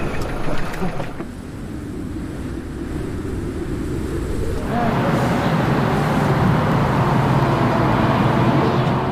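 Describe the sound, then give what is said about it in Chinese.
Steady low rumble of road traffic in a jam caused by a car accident ahead, like idling vehicles, that swells louder and brighter about halfway through as engines or passing cars grow louder. “前面要出车祸了，堵车了，一时半会走不了了。”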